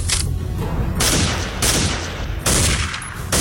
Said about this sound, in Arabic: في اطلاق نار يا عبيد، في اطلاق نار